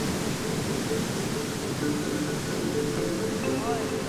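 A mountain torrent carrying a great deal of water rushes loudly and steadily, a dense, unbroken roar of churning water with no pauses or changes in intensity.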